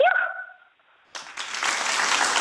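A short rising, whining tone is followed by a brief pause, then a burst of audience applause that swells into steady clapping through the end, loud and dense with no voices over it.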